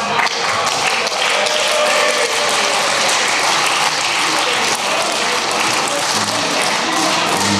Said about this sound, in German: Es gibt Applaus.